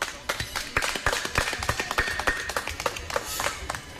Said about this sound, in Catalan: i bé, en aquests moments us volia demanar un aplaudiment per a tota aquesta gent que ja no està amb nosaltres.